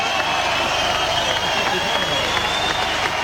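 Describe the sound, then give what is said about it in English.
A large crowd at an outdoor medal ceremony applauds and cheers as the bronze medal for Australia is announced, in a steady, dense wash of clapping and voices, loud and continuous throughout with no pauses or distinct speech. “That's the crowd that I could see. It's a good crowd, it's the outdoor setup.”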